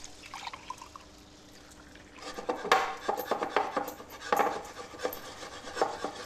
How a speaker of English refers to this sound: Make sure your chocolate's submerged in the cream. Let's give this a little stir.